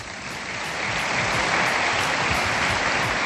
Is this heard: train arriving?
no